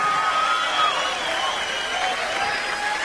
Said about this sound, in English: Nice round of applause, if you would